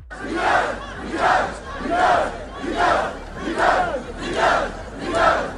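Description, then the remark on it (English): A crowd of protesters in Tunis, Tunisia, demonstrating against President Kais Saied over power cuts and water shortages, chants in unison against government repression, their voices rising and falling in a steady, repeated rhythm of about seven loud pulses, with no other sounds over them. “Demonstrators also chanted against government repression and called for the release of political detainees.”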